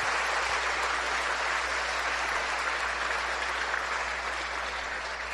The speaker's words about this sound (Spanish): Démosle un fuerte aplauso al Padre, al Hijo y al Espíritu Santo.